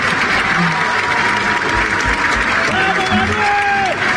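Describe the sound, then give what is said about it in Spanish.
Sustained, dense applause in Congress, where Milei and his whole cabinet applaud a speaker's declaration; loud and continuous, with a murmur of voices and a few shouts rising through the clapping. “Porque el día que él va a hacer la declaración al Congreso, Milei fue con todo el gabinete y lo aplaudieron a rabiar.”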